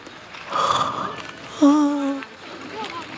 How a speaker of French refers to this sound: Il aimerait continuer à s'amuser au parc, mais il est déjà tard et il est fatigué. Il se met à bâiller.